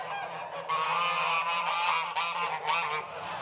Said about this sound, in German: Seit mehr als 3 Monaten sind die Ganter und Gänse jetzt schon eingesperrt.